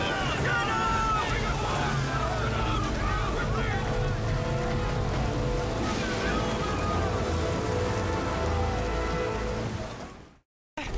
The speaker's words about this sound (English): That storm is coming fast. Losing control of the boat on these swells.